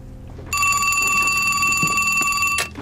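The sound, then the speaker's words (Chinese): A telephone rings with an incoming call in one continuous, bright electronic trill lasting about two seconds, loud, then cuts off abruptly. Faint low background noise sits underneath, and no one speaks. “你今天怎么想起给我打电话了？”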